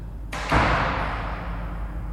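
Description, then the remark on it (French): A door slams shut in an underground car park with one heavy, booming impact, preceded by a brief rattle, then a long fading echo that lingers for over a second. No voices. “Vous venez d'entendre une série de sons très différents. Des pas qui résonnent, une porte qui claque, un moteur qui s'approche.”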